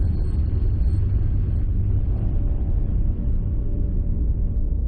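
A loud, steady airplane engine roar fills the whole stretch as a plane flies overhead at Davis Inlet, a deep continuous rumble with a faint high whine, powerful, with no voices.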